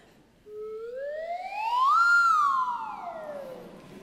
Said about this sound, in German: Was war denn das gerade hier für eine Flöte? Eine Lotusflöte. Eine Lotusflöte. Okay, können wir die noch mal hören, bitte?